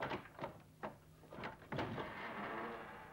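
A door is handled and opened: a few sharp wooden clunks and rattles come in quick succession, followed by a steady rush of background noise as it swings open.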